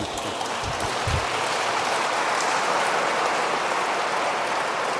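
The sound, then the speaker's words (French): A crowd applauds a guest who was secretary general of the editing of the Catechism of the Catholic Church, steadily for several seconds, a dense, unbroken wash of many hands clapping at an even, fairly loud level, with no voices on top. “Oui, là, vous pouvez applaudir.”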